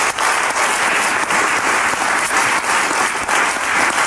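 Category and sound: crowd, audience applause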